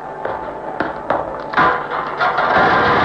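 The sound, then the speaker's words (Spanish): A cell door swinging open and shut again: a few sharp, clanking knocks in quick succession, then a steady scraping rattle that stays fairly loud to the end, with no voices. “La puerta de la celda se abre y vuelve a cerrarse tras de Rayo de Plata.”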